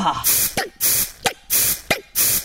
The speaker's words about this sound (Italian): Adesso mi spruzzo un po' di peperoncino negli occhi.